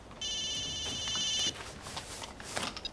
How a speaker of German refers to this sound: Typisch. Immer wenn's brenzlig für ihn wird, dann klingelt's Telefon.